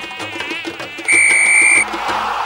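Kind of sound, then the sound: insect, mosquito buzzing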